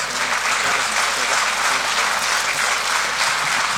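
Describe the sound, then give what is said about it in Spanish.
A crowd applauds a priest steadily, a dense wash of many hands clapping at a constant, fairly loud level for several seconds with no pauses. “Así que fuerte el aplauso, porque es cura, porque es amigo de muchos, porque ya es parte de la familia también.”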